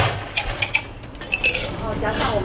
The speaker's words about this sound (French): Il va ajouter des glaçons.